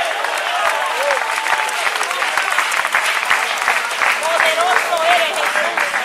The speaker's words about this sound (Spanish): Dele fuerte ese aplauso hacia para él.